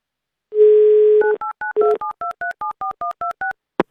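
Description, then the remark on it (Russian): Avtoradio dials a listener in Bashkortostan for its radio game "Mnogo deneg": a steady dial tone hums for under a second, then about a dozen quick two-tone keypad beeps follow in an even rhythm, ending with a soft click. No voices. “В общем, мы вам звоним.”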